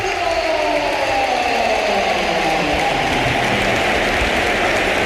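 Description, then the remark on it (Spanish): The crowd at the Bernabéu stands and gives a sustained ovation as Bellingham is substituted off in Real Madrid's match against Málaga, a dense, loud roar of applause and cheering that holds steady for the whole stretch with no voices speaking over it. “Y vamos a escuchar una gran ovación, ¿eh?”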